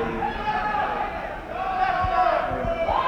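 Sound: audience boys screaming out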